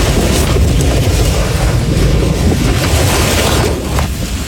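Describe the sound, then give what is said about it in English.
A tornado outside a house roars like a freight train, a loud, unbroken low rumble with harsh wind buffeting that holds steady for several seconds, with no voices. “It sounds like a freight train, and that kind of sounds like a freight train.”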